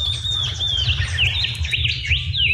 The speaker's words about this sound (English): I wish I can hear the paddle out, but that sort of pew, pew, pew, pew. Yeah, I think that might be a shining bronze cuckoo. Ah. Because they got lots of different calls.